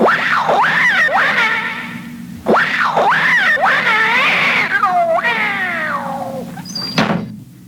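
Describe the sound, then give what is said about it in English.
A cat yowls loudly in a series of long, rising and falling wails, harsh and drawn-out, as it is chased out of a room, ending with a brief thump and a short squeal before falling quiet. “But there is a cat in there. Not for long. Come on. Scat, cat!”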